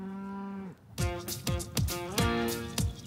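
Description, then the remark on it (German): A long, low cow moo followed by a quick run of shorter, louder bellows in close succession from a herd of 62 cows on a green meadow with blooming dandelions in Hamburg-Moorburg, Germany, in fine weather, with no talking. “In Hamburg-Moorburg wird die Herde von Familie Ex immer größer. Inzwischen sind es 62 Kühe.”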